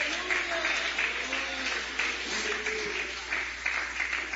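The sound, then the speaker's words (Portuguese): A church audience claps steadily together in praise of the Lord, a dense, sustained patter of many hands, with voices faintly calling out beneath the applause. “Pode louvar a Ele com palmas.”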